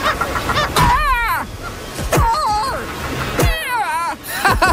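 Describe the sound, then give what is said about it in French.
A crowded northern gannet colony at the Rochers aux Oiseaux: harsh, wavering honking cries rise in three or four loud bursts over a constant rasping din of many birds calling at once, noisy. “la Grande Hermine arrive à un endroit qui s'appelle les Rochers aux Oiseaux, plein de fous de bassin.”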